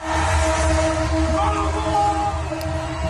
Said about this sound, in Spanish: En Buenos Aires, hasta los trenes se han unido a la locura colectiva tocando la bocina.